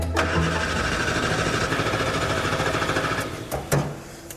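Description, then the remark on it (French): The 1098 cc, 48-horsepower engine of an old Morris Minor Traveller, which has an old-design electric fuel pump, cranks and turns over with a rapid, rattling mechanical chatter, running steadily for several seconds before a couple of sharp clunks as it sputters. “Pendant qu'il se rend chez son fournisseur de bois, Fuzz, de son côté, a la tâche délicate de démarrer le moteur.”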